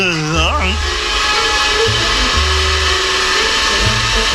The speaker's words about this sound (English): Jumping Jehoshaphat and distortion and feedback. That's the vacuum cleaner. Oh, yes, yes. So it is. The vacuum cleaner.